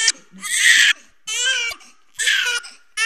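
A newborn baby, born inside an ambulance, cries in three short, shrill wails separated by brief pauses, fairly loud, with no other voices.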